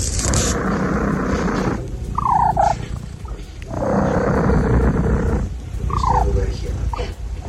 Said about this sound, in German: Katze Everest, die schnurrt wie ein Weltmeister und quietscht dabei